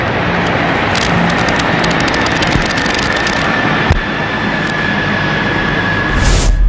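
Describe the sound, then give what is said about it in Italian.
Loud, continuous roar of Italian Navy (Marina Militare Italiana) military helicopters trailing tricolour smoke as they pass overhead at a ceremony, just after the Italian national anthem, with a rapid rhythmic rotor chop and a steady engine whine throughout, no voices heard. “fumi tricolori anche dagli elicotteri della Marina Militare Italiana che stanno passando in questo momento al termine proprio dell'inno di Mameli sul luogo della cerimonia.”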